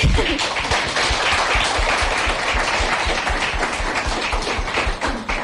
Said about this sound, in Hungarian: Köszöntsük egy nagy tapssal!